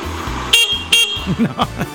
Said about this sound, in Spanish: Estoy afuera. ¿Cree que toque bocina? Toco.